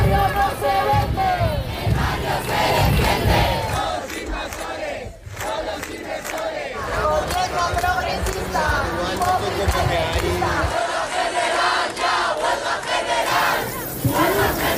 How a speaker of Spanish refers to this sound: Así sonaban las llaves de los 500.000 manifestantes de Madrid